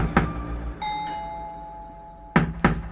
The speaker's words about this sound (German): Da geschah etwas, womit er nicht gerechnet hatte. Jemand klopfte an seine Tür.